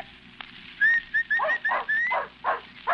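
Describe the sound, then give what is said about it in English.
A dog named Wolf barks in a quick run of about seven short, high-pitched yips, fairly loud, with no voices alongside. “That's a good dog. That's a fine dog.”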